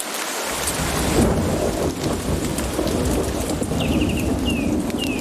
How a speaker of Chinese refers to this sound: 暴风雨席卷哥斯达黎加的丛林，浸润了这里所有的生灵，包括黑美洲鹫。丛林间的活动似乎暂时停了下来，倾盆大雨令这里的动物冷静下来，它们被困于暴雨之中。